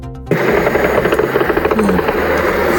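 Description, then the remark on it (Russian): A loud, steady engine drone from a flying aircraft or drone with a blinking light, passing by in the sky, fills the air after a brief quiet start, with a faint rhythmic throb running through the noise. “Где-то летит. О, мигает. Ага. Мимо пошел.”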